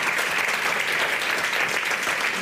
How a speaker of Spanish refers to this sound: Un aplauso para vosotros y para la familia. Gracias.